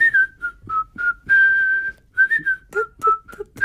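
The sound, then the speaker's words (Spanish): Someone whistles a melody while tidying the studio, a string of short bright notes, then one long held tone, then more quick notes that rise and fall, with no talking. “Pero bueno, si además de silbar estás ordenando el estudio, qué buena falta le hacía.”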